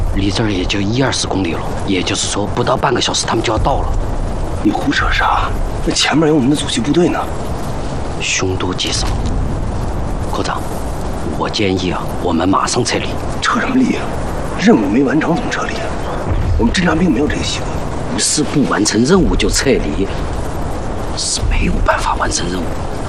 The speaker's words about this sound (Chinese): 而且美军在公路上行军的时候，他们就会用炮火像两翼搜索，就是一边走一边开火，咱们都能听见。那边炮声。